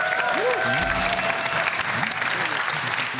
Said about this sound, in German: Hier, großer Applaus.